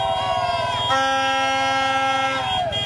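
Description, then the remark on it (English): Mexican fans honk horns outside the hotel where the England team was staying: a loud, continuous din of many horns blaring at once, their sustained tones overlapping and shifting in pitch, with a steady low rumble underneath and no pauses. “That was all the Mexican fans outside of the hotel where the English were staying.”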